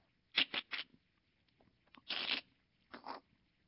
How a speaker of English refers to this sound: And we looked, and that lump that used to be the whole egg just collapsed. The snake had a place where it could break the egg right in its body.